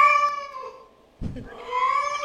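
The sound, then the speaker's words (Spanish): A kitten meows twice, two long drawn-out wavering cries separated by a brief rustling thump, loud and clear with no talking. “Guarda, con el gatito, ¿eh?”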